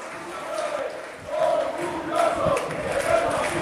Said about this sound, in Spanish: ¡Izan, Izan!, grita el público. Van coreando el nombre de algunos jugadores.